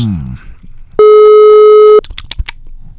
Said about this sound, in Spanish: Atentos, porque vamos a realizar la llamada en este preciso instante y deberíamos de tener tono de llamada.